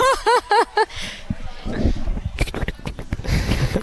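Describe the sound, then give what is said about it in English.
A person imitates a cavoodle dog: four quick, rising-and-falling whiny yips, followed by a stretch of snuffly snorts and sniffing noises. “That's my cavoodle sound.”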